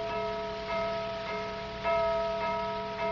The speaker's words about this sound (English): 7 strokes on that gong. That'd mean the 7th level.